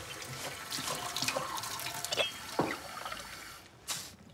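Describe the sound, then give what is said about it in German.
Lactation tea pours steadily into a cup, a continuous splashing trickle with a few sharper clinks and drips, ending in a brief louder splash. “Du kriegst einen Schluck Tee. Nimm dir.”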